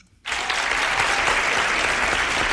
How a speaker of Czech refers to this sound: Ano, ten potlesk patří vám,